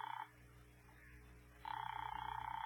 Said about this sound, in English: Ring that line you've been holding for me. All right, Doctor, it's ringing here.